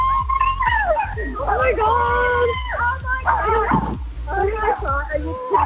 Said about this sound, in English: Oh, my God. Is that the dog barking in the background? Yeah, he's Army as well. The dog's Army.